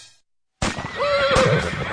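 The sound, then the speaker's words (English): A horse neighs loudly, a single drawn-out whinny with a wavering, quivering pitch that starts abruptly after a brief silence and carries on for over a second. “Hey, did you hear that? That horse just told me that Good Horse Sense says if I'm looking for an automobile, I better come to Sundance.”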